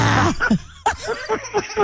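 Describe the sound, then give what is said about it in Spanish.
A woman imitates her own snoring: a harsh, raspy rasp followed by a string of short guttural snorts and grunts in uneven rhythm. “Va como un así unos 10 minutos, a lo mucho roncaría, roncaré y ya.”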